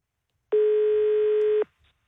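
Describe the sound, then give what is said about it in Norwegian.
A single steady telephone tone sounds once for about a second, loud and clear with no voices, marking an incoming call before silence returns. “den førte til at inn til jukeboksen vår så kom denne telefonen.”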